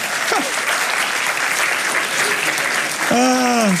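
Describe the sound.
An audience claps steadily and loudly for several seconds, a dense unbroken patter of hands, with a voice rising over it near the end.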